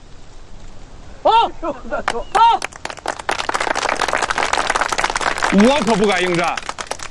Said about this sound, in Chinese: 哟，新同志，自告奋勇，鼓掌！